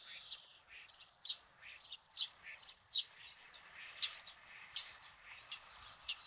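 A common starling sings its normal, typical song: a run of about eight bright, high, whistled phrases with warbling, rising-and-falling sliding notes, crackling bits and short gaps, clear with no talking.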